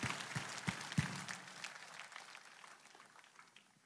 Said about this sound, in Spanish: Date un aplauso.